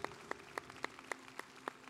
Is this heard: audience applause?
yes